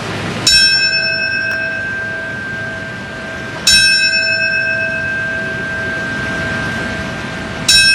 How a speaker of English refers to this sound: The bell sounded earlier today in New York, in Washington, and in Shanksville, Pennsylvania, to mark the times when the attacks occurred 25 years ago.